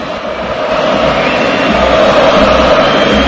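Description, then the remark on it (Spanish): A huge football stadium crowd at the Pijuán roars in an ovation for Modric as he comes on after warming up, a sustained, dense wall of cheering that swells slightly and holds steady and loud throughout, with no distinct voices standing out. “Escucha el Pijuán.”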